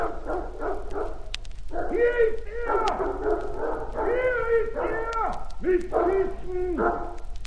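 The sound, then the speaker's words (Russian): A dog barks and yelps in quick repeated bursts, with a steady low rumble underneath and voices talking around it. “С собакой пошли.”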